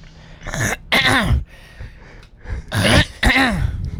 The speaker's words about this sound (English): Clear your throat.